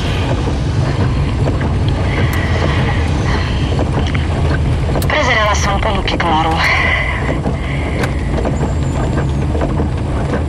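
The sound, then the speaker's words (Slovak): Heavy rain pours steadily over a moving vehicle, a loud, continuous hiss layered on deep road rumble, with a voice briefly speaking partway through. “Je na hovno cesta. Leje.”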